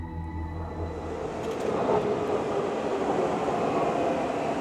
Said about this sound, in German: Im Untergrund von Daegu begrüßt den Fahrgast die einfahrende Metro. Sie gehört zu den modernsten U-Bahnen in Korea.